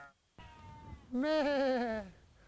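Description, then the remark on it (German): A sheep gives a single loud, wavering bleat lasting about a second, with a quavering tremble and a slightly falling pitch, as the sheep come out to pasture in spring. A fainter, steadier tone comes just before it. No one speaks. “Da warten wir den ganzen Winter drauf, ne, dass im Frühjahr wieder genug Gras steht, dass die Schafe rauskommen.”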